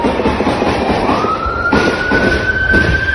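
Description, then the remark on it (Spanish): A state police patrol car siren in the municipality of Alvarado wails steadily and climbs slowly in pitch as the patrol approaches the scene of a shootout, fairly loud but half-buried under a heavy, constant roar of noise. No one speaks. “Videos compartidos en redes sociales muestran el momento en que se escuchan múltiples detonaciones de armas de alto poder mientras una patrulla se aproxima al lugar.”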